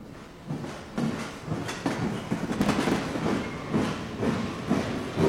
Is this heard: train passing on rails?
yes